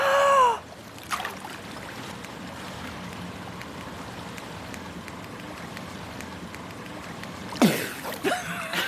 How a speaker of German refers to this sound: Dann taucht das Xylophon jetzt ab und los geht's. Ich tauche mal doch mit ab, ich will mal hören, ob ich es unter Wasser höre.